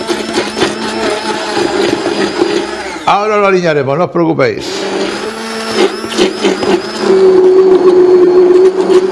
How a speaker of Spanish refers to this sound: Bueno, vamos a triturar tomate. La verdad es que el tomate no hace falta ni echarle agua, porque se tritura fácil. Con el mismo agua que suelta el tomate se tritura muy fácil.